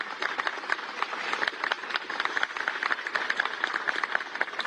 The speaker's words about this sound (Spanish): Quiero saludar también a Hombro, que tanto han ayudado. Un aplauso, por favor, para ellos.